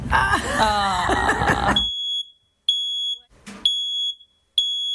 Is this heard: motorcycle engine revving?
no